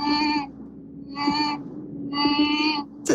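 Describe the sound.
A person imitates a mosquito with three high, thin buzzing whines, each lasting about half a second, separated by short pauses over a low steady background hum.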